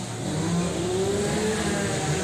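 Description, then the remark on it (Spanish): A chainsaw engine runs loud and steady with a buzzing, rough drone whose pitch climbs gradually over about two seconds; no one speaks. “Pues mira, se lo lleva Rosa, porque es una motosierra.”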